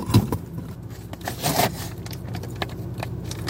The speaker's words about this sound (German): Also, aktuell sind es 26,5 Grad. Aber ich bin vorher auch gefahren. Mein Auto steht in der Sonne. Ich habe das Gefühl, es wird noch heißer. Also, legen wir den Raclette auf mein Armaturenbrett.